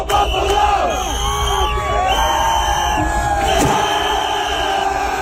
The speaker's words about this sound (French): Toujours est-il que la foule, on l'entend, les encourageait.